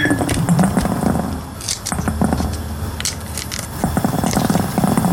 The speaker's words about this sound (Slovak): Takže najskôr to lúskanie hrášku.